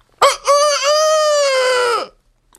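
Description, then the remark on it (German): A voice imitates a rooster's crow: one loud cock-a-doodle-doo with a short opening burst and a long, sustained final note that drops off at the end. “Kräht ein Hahn nicht immer dreimal?”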